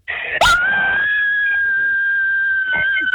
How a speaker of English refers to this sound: We're about to scream. All right, give it to me, girlfriend. Got to go for it.